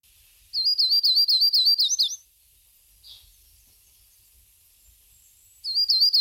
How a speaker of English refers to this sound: Yellow rumped warbler. The nickname of this bird is Butterbutt, and here's what it sounds like.